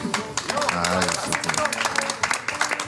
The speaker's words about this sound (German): Ja, danke schön. Ich finde das auch einen Applaus wert.